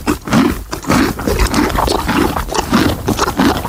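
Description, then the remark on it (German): A horse chews a hard snack: loud, crunchy chomps repeating in a steady rhythm, roughly two per second, with heavy low grinding between bites and no voices. “Oh, da wurde aber ordentlich gekaut. Das muss irgendwas Hartes sein.”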